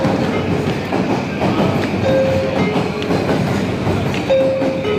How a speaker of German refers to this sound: Der Bahnhof Shinjuku in Tokio, der verkehrsreichste der Welt. Über 3,5 Millionen Passagiere nutzen ihn pro Tag. 500 Menschen steigen hier ein und aus, pro Sekunde.